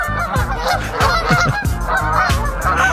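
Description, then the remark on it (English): A flock of geese honks loudly and continuously, overlapping calls repeating in a busy, rhythmic clamor, with no talking. “You like geese?”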